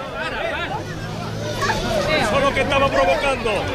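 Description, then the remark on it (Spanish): Angry shouting rises from a crowd of protesters at a demonstration as a fight breaks out among neighbours attending it. Many overlapping raised voices form a steady, agitated din that grows louder and more heated partway through. “Estos gritos que oímos de fondo son el inicio de una pelea entre los asistentes a la manifestación, una reyerta entre vecinos que es síntoma de la tensión que vive el barrio.”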